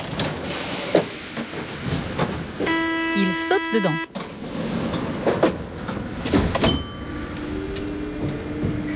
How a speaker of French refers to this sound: Le métro arrive. Trop de chance, même pas besoin de l'attendre.